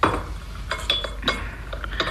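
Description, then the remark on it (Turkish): Small tea glasses clink against each other and a tray as tea is brought in and the tray is set down, in a loose series of light, bright taps, some ringing briefly at a high pitch, with no one speaking. “Çayınızı getirdim dedi. Aferin kızım. Getir tepsiyi şöyle ortamıza koy.”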